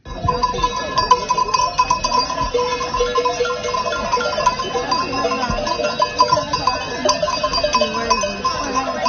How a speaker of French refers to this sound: On les entend bien en tout cas, hein, les moutons